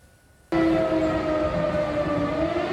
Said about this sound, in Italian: A Lublino e in tutta la Polonia orientale risuonano le sirene. La Russia ha appena bombardato le regioni occidentali dell'Ucraina.